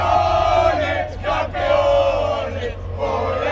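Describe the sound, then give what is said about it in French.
A dense crowd of Spanish football supporters celebrating Spain's victory roars and shouts continuously, voices blending into a loud, sustained wall of cheering with brief surges and dips in intensity. “Les supporters qui vont sûrement avoir besoin de petits bonbons au miel”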